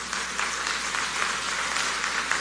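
A crowd applauds steadily to publicly thank Global Effect for helping UCATESI students, a dense wash of many hands clapping at an even loudness for a couple of seconds with no voices over it.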